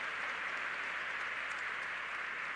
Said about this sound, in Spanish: A ver, hermano, ese aplauso para Jesús, para la gloria de Dios. Amén.